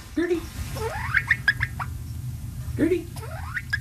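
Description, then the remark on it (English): A small bantam hen, Gertie, with pumpkin-colored feathers outlined in black, gives a series of thin, rising peeps in two quick clusters from a converted dog crate in a living room, fairly clear over a low background hum. “She makes these little peeping sounds.”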